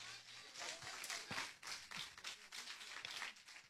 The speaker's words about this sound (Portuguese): quem recebe ele com as palmas, diga glória.